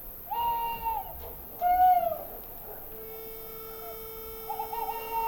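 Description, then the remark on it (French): At dawn in a sleeping village, a bird calls in clear, tonal hoots: two distinct rising-and-falling notes, then a long, steady held note and another call at the end, over a quiet background with no voices. “Il y a toujours cet oiseau premier. Le premier à lancer les feux de l'aurore.”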